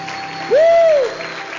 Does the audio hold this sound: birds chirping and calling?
no